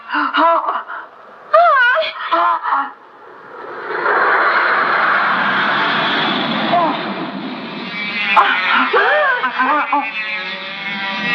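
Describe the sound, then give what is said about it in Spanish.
A squadron of toy airplanes drones past in a steady, buzzing whoosh for several seconds, while excited voices cry out at the start and again near the end. “¡Una escuadra de aviones de juguete!”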